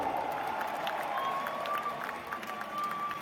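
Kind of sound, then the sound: crowd, stadium crowd applauding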